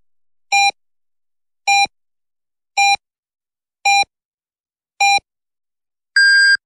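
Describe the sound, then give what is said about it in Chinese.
Radio hourly time signal marking 10 o'clock Beijing time on Renqiu Media Center's FM 103.4 broadcast: five short, evenly spaced electronic beeps at a steady one-per-second rhythm, then a longer, higher-pitched final tone. Clear, with no talking. “北京时间10点整， 这里是任丘融媒体中心综合广播 FM103.4”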